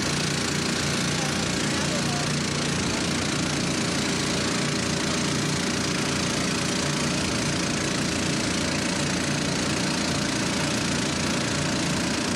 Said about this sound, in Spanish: Ya se encendieron los motores. Es el sonido del abastecimiento del agua, es el sonido de lo que más se necesita. Es satisfactorio escuchar abastecimiento de agua en este momento.